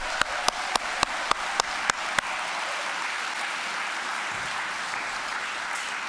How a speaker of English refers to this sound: And if I could have a round of applause for all of our veterans here.